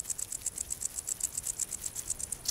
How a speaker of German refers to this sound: Nur an sonnigen Tagen ertönt das Konzert des Warzenbeißers. Eine Rarität der Ostseeküste.